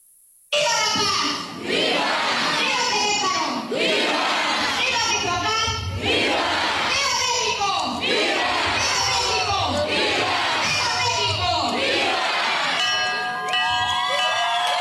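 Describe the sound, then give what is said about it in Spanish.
A large crowd of families shouts the Independence Day cry in unison in the main plaza of Queréndaro, Mexico, in repeated bursts roughly every two seconds, loud. The rhythmic chanting cries fill the space, with a brief whistle-like tone near the end. “Se celebró el grito de independencia con la participación de familias queréndarenses que se dan cita en la plaza principal para recordar con fervor el inicio de nuestra libertad.”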